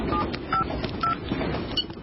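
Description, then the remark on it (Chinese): A number is dialed on a mobile phone: four short keypad beeps, spaced unevenly, sounding over a steady rumbling background noise with no talking. “他看了看冒着青烟的枪口，又看了看站在厕所门口瞠目结舌的乘警，掏出了警官证亮了一下，然后拿出手机拨了个号码。”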